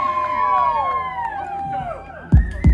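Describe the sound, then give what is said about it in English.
A live crowd cheers and whoops, many voices rising and falling in pitch at once, with a couple of loud thumps near the end. “What a crowd, man.”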